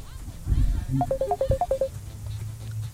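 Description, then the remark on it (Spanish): A phone's incoming-call ringtone for WhatsApp: a quick run of about ten short, bright electronic beeps at shifting pitches, clear, over a low background rumble. “Ahí tenemos una llamadita por WhatsApp, vamos a tomarla.”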